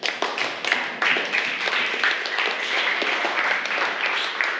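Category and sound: crowd, students clapping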